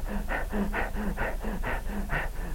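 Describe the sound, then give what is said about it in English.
A voice imitates the heavy, out-of-breath panting of people after about 10 minutes of screaming and rolling: about six quick, loud, raspy breaths in a steady rhythm, with a slight voiced groan on some of them. “After about 10 minutes of screaming and rolling, they'd be out of breath. They'd be breathing like this.”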